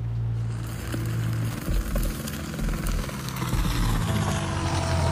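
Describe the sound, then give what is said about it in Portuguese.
A helicopter drones steadily overhead while helping to put out a large fire in an indigenous reserve near Santa Helena de Minas and Bertópolis. Its low rotor thrum and engine whine fill the air without pause. No voices are heard, only the continuous, fairly loud mechanical roar. “Um helicóptero está sendo utilizado para ajudar a apagar o fogo.”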